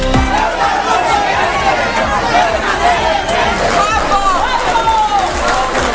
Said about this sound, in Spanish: Con vítores y algún que otro abucheo. Así recibieron al presidente Pedro Sánchez en su visita sorpresa a la jornada inaugural de la Festa do Marisco do Grove.